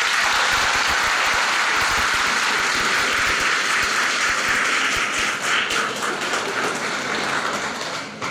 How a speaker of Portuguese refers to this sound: Recebemos festeiros com uma calorosa salva de palmas.